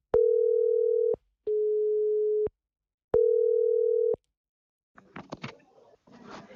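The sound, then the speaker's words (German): An outgoing phone call's ringing tone, placed by pressing Call to reach a person's mobile phone at the Tönning town hall: three steady, roughly one-second tones with short gaps, followed by brief rustling and faint clatter as the line connects. “Ich hoffe mal, wenn ich jetzt hier auf Call drücke, dass wir”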